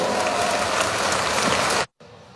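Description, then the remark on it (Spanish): A crowd applauds with loud, dense clapping to welcome Evo Morales before his speech. The clapping holds steady, then cuts off abruptly near the end, leaving a faint hush. “Lo vamos a recibir con ese fuerte, fuerte voto de aplausos.”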